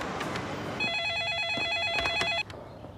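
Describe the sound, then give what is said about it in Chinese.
A telephone at a special task force office rings with a fast, warbling electronic trill, one sustained burst of about a second and a half that cuts off abruptly, heard clearly over a faint background. “打个电话。”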